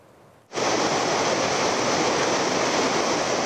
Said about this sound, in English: Nepali authorities erected makeshift zip line to help stranded residents travel across the stormy Trishuli River after deadly flash floods had swept away the bridges, leaving large areas cut off from the main town.